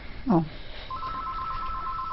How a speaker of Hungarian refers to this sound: Na, telefon.